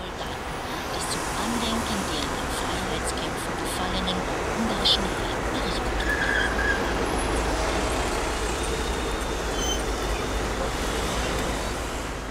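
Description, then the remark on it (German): Steady rumble of a sightseeing bus rolling through city traffic in Budapest, its engine drone and road noise continuous and fairly loud throughout, with faint indistinct voices murmuring underneath. “Sightseeing per Bus.”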